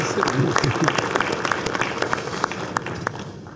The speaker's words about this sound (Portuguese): Então, eu queria agradecer de público, dando um salvo de palmas a vocês todos. Foi um belo momento para todos nós.